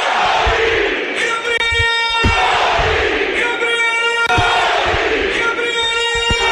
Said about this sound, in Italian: L'esplosione della curva sud ve la lascio immaginare, facciamo fatica a sentire la nostra voce quando la curva sud urla Gori.